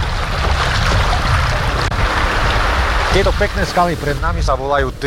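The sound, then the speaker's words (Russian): Steady rushing water fills the whole clip as a clear river's current strengthens over the first low rapids during a boat trip. The sound is loud. Partway through, a person starts talking over the constant roar. “Постепенно течение усиливается, появляются первые пороги, правда, невысокие, а потому не страшные.”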